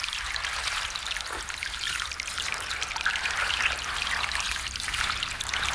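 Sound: rain falling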